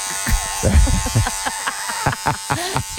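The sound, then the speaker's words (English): A steady electric hair clipper drones throughout with a constant, even buzz, while bursts of voices and short noisy sounds break in over it now and then. “You could just hear the Clippers as you lie on your back start screaming.”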